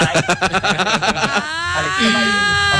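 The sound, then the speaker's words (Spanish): A person imitates a horse's neigh: a fast, fluttering run of voiced pulses slides into a drawn-out, wavering whinny tone. It is fairly loud, with no other talk. “Caballito relinchando esta mañana.”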